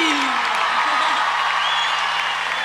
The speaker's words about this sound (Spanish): ¡Fuerte el aplauso